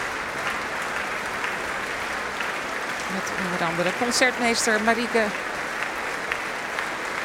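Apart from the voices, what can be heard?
audience applause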